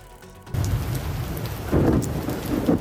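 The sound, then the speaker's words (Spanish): Steady heavy rain hisses across a surface while low rumbling thunder rolls underneath, swelling twice in loud surges, during an electric storm in New York. No voices are heard. “Eso sí, esta tormenta eléctrica ha obligado a cancelar el último entrenamiento de la selección, así que los jugadores han hecho una pequeña sesión física dentro del gimnasio.”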